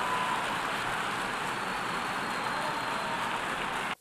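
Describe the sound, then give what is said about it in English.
Sustained, dense applause in the UN General Assembly in New York for the newly elected non-permanent members of the UN Security Council, a steady loud wash of clapping with no voices, holding evenly for about four seconds before cutting off abruptly. “Yeah, applause and congratulations there for the five new non-permanent members of the UN Security Council elected yesterday in New York.”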